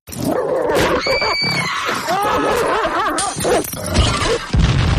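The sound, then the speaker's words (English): A dog yelps and barks frantically amid loud crashes and bangs, a chaotic burst of clattering objects and high squealing cries, continuous for several seconds. It is Skip the dog, let off the leash, in an AFN radio spot urging that pets be kept leashed. “You've been such a good dog lately. I think I'll let you off the leash just this once.”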